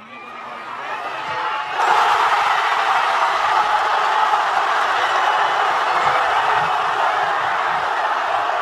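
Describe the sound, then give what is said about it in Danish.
A crowd in Madrid: a steady roar swells abruptly into loud, sustained cheering and shouting after striker Ferran Torres scores to put Spain ahead in extra time, holding at full volume with scattered whoops and no clear individual voices. “Jeg vil ikke snyde jer for lige at høre, hvordan det lød, da angriber Ferran Torres i forlænget spilletid bankede Spanien foran.”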